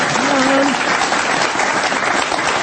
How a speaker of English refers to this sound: Nice. You're supposed to clap it.